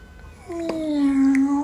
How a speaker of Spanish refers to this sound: ¡Miau!